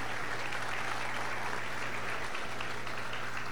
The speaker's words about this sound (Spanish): Así que también un fuerte aplauso.